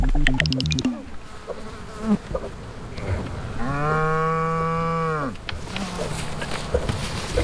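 A single long, loud cow moo swells and fades over about a second and a half, with flies buzzing and other rustling sounds around it.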